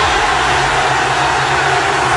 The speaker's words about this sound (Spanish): Y así se escuchó el estallido de emoción tras el triunfo de Inglaterra, esto en Londres, registrado en Wembley, la madrugada inglesa.